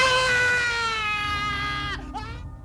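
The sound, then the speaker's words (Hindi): A long, strained human scream of pain from a patient whose wound is being burned with a red-hot iron rod by a blacksmith as a rabies treatment holds a high, harmonic-rich pitch for about two seconds, then breaks off into a shorter, wavering cry. “जले हुए मांस की बदबू और रोगियों की दर्दनाक चीखों से लुई पाश्चर घबरा गए।”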